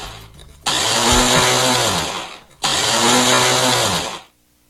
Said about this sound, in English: Problematic blender. The worst, right?